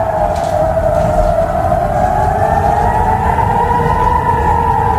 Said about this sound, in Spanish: Así sonaban las alarmas antiaéreas en Israel esta madrugada. La Guardia Revolucionaria iraní asegura que ha bombardeado las bases militares israelíes de Nevatim y de Tel Nof.